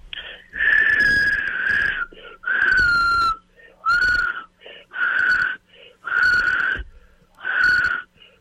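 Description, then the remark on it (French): Someone tries to whistle, as a challenge for Occupation Double Édition RPA, in a series of six or seven breathy, airy bursts, each about half a second to a second long, with a thin wavering tone buried in rushing breath, fairly loud. “Puis en terminant, est-ce que tu es capable de siffler?”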